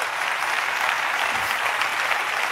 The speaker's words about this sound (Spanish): Dale, dice, dale el aplauso.